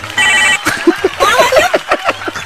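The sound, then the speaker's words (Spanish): A telephone rings once on air at the radio station La Qué Buena 97.1 Guadalajara, a short, bright electronic trill lasting about half a second, then voices start talking over a low hum. “Y hasta vergüenza me da que suene el teléfono, carnal.”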